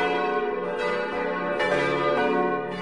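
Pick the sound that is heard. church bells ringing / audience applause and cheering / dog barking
church bells ringing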